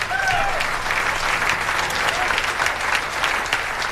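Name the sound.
audience applause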